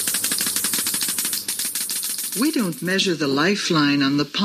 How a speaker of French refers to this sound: Elle le fait au moyen d'un compteur Geiger. It's done with a Geiger counter.